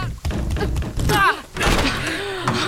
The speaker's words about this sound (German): Na, die Tür geht nicht auf. Dann drück fester, die war letztes Mal auch offen. Ich drück ja schon.